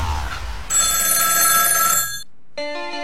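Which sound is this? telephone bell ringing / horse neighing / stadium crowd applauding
telephone bell ringing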